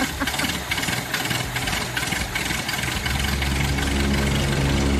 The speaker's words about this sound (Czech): nám zařídil moderní luxusní klimatizaci, takže si myslím, že je na čase si ji pustit. Tak, to chvíli trvá, ale pak to bude dobrý.